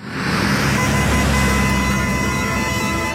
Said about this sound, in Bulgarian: Трафик.